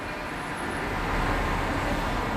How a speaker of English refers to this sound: Cars.